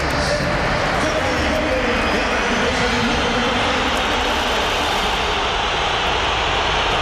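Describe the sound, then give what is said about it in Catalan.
The crowd at the Metropolitano stadium whistles in protest as Simeone brings on Julián for Marc Pubill in the 67th minute with Atlético losing 1-2, a dense, unbroken wall of shrill whistling and roaring that holds steady and loud for several seconds. “Xiulada general. Unànime.”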